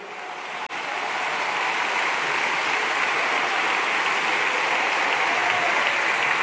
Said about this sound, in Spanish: Grítale una vez más: y con nosotros está Jehová. Dele ese aplauso a la gloria de Dios.